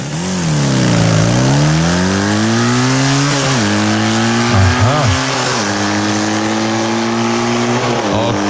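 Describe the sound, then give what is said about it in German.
A motocross bike engine revs continuously during rehearsals for the Radio Regenbogen morning show, its pitch dipping and rising in several throttle swells, with a couple of quick sharp blips near the middle. Loud and steady throughout, with no talking. “die schmeißt sich morgen aufs Motocrossrad”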